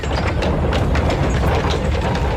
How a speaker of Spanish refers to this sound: un momentito porque tenemos que dejar pasar a un carro.